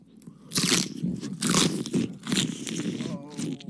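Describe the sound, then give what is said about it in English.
Loud crunchy chewing of food: repeated bites and munching in bursts about every second, with crackly, wet mastication sounds filling the gaps. “That's the chewing of the food.”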